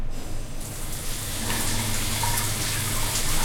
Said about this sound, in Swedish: Men om du slår på en varm, skön dusch, då händer följande.